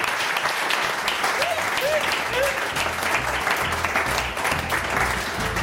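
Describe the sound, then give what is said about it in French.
Sustained applause from a studio audience for a guest's effort after a wrong answer on a quiz show, dense and steady clapping filling the whole clip at a fairly loud level, with faint voices and a few whistle-like tones mixed in. “on applaudit l'effort et on salue Nathalie Devanté”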